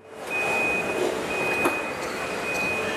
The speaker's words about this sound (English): Inside this Chinese car-making factory, there's barely a human in sight. Robots wheel the car frames along the ground between different stations, where more robots piece the rest of the electric vehicle together.